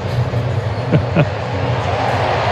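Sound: stadium crowd cheering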